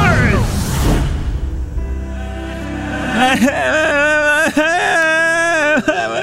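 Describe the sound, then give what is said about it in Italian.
A whooshing, rumbling noise opens, then a child's crying takes over: wavering, whimpering wails with sobbing breaks, fairly loud, continuing steadily to the end. “ma perché piangi?”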